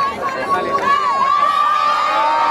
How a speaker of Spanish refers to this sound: Mucha alegría, vítores a León XIV, aplausos, mucha emoción